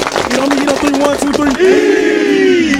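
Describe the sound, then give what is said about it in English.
The Kings Mountain High School football team claps quickly in unison while voices chant along, then the clapping gives way to a long, loud collective shout, all energetic. “Everybody clap it up.”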